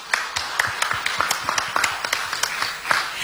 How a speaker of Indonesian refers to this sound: Boleh kita beri tepuk tangan yang meriah?